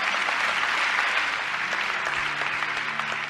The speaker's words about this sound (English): Come on, we should all clap our hands to that.